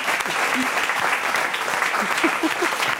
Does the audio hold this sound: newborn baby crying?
no